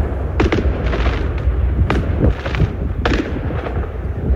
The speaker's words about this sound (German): Das war ein Riesenfeuerwerk tatsächlich, direkt vor dem Hotel der Bayern-Spieler, die ja heute in der Champions League in Stavanger spielen.